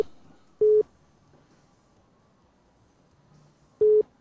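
Two short, loud telephone busy-tone beeps after a phone call is cut off, steady and evenly pitched, separated by about three seconds of faint background hiss. No one speaks.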